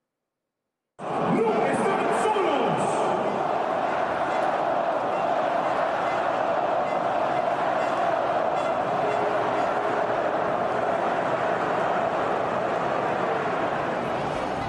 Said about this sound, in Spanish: Durante el minuto de silencio dedicado a las víctimas de los recientes sismos en Venezuela, miles de aficionados respondieron con un fuerte y unánime grito de "No están solos".